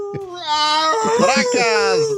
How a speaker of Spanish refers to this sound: Están aullando los perros por acá.